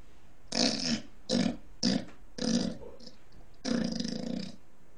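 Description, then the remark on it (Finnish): A person imitates a pig's grunting with five rough, guttural bursts in an uneven rhythm, the last one drawn out longest, fairly loud with short pauses between. “Sitten tulee sika.”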